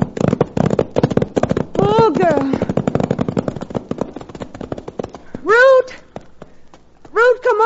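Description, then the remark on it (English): Horses' hooves clip-clop in a quick, steady patter throughout as riders head back to a ranch, broken by three loud, wavering horse whinnies. “Put the horses away.”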